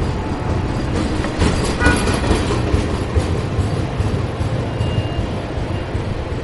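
A train rumbles steadily past at a station, a heavy low roar with faint rattling of the cars and a brief high tone near the middle; no one speaks.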